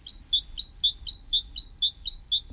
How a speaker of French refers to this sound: Autre oiseau extrêmement commun un peu partout, il n'y a pas besoin d'aller à Ouyès pour ça, c'est la mésange charbonnière, bien sûr.